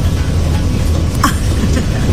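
Steady low rumble and hum of a moving rail car, with a constant droning tone and a brief rattling clatter in the middle, heard from inside and fairly loud throughout.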